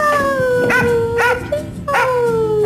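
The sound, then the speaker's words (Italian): A dog, Joy, a policewoman's dog in an Italian State Police awareness spot against abandoning animals, howls in long, drawn-out wavering tones, broken by a few short sharp yips and barks, loud, with no talking. “E per sensibilizzare sul tema, la Polizia di Stato ha lanciato lo spot "Se non ti porto non parto", dove una poliziotta dialoga amorevolmente con il suo cane Joy.”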